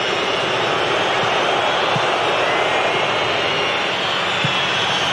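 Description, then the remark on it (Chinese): Norwegian football fans in a large stadium at a World Cup match keep up a steady, dense roar of booing, a continuous low drone of many voices that holds its loudness throughout without breaks. “挪威球迷呢，在报以嘘声。”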